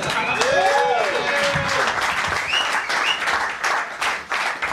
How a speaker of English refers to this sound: Round of applause.